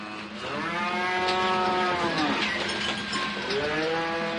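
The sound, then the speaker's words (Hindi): A buffalo gives two long, drawn-out moos, the first stretching nearly two seconds and the second starting shortly after, loud with no talking. “पूजा अर्चना करके घर से निकलने से पहले उन्होंने अपनी राष्ट्रीय भैंस के पैर छुए और आशीर्वाद मांगा।”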